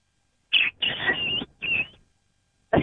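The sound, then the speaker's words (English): A person on a show imitates a bantam rooster crow: a short, strained opening note, a long warbling middle and a shorter tail, then another call begins. Fairly loud, with no other talk. “And then he gives his crow.”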